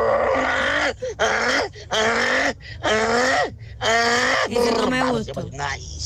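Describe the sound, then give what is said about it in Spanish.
A person's voice mimics a donkey braying while looking for a female donkey, in a series of loud, harsh bursts, alternating high wheezing inhales with lower honking exhales in a steady see-saw rhythm. “Ay, mi talento corto es hacer como burro, cuando está buscando la burra.”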